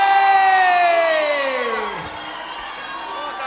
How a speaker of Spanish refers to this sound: Fuerte el aplauso para Matías Valdés. Dale.